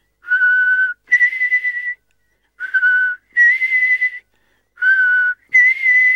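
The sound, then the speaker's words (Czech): An old male blackbird perched on a window ledge whistles three times in a row, each a steady two-note call that steps from a lower tone up to a higher one, clear and fairly loud with short pauses between and no talking. “Kosák jakoby věděl, že není čas na žádné okolkování, energicky zabušil oranžovým zobákem do skla a zahvízdal.”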